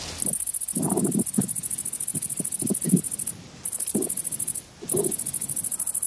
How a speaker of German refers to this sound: Das klingt nach einem Grashüpfer. Ein Grashüpfer, genau, die Grashüpfer. Und die ist ja ganz spannend, wie die Grashüpfer ihre Geräusche erzeugen. Da summt nichts, da brummt nichts.